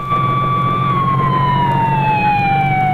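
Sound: ambulance siren driving away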